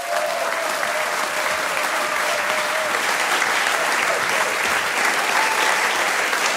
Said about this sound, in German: Bitte begrüßt mit einem fulminanten Applaus die wunderbare Anka Zink.